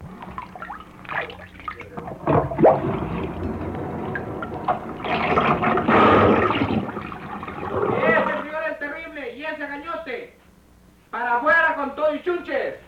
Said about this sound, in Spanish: Vaya, me sigue echando agua.